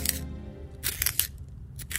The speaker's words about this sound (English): Sharpening my pencil. It's gonna be nothing but a stub.